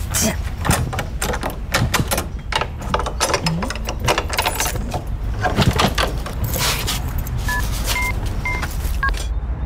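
A house key jingles close by in quick, repeated metallic clinks that go on throughout, with a few short electronic beeps, like phone dialing tones, near the end.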